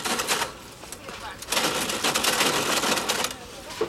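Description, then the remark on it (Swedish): At a shop checkout, a cashier takes items one by one from a basket and rings up their prices on a cash register: a rapid, clattering burst of mechanical key presses, a brief lull, then a longer run of busy clicking, fairly loud. “Och kassörskan tog sak efter sak ur korgen och slog in vad den kostade på kassaapparaten.”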